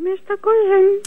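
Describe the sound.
A loud, close burp in three voiced bursts, two short ones followed by a longer, drawn-out belch, with nothing else audible around it.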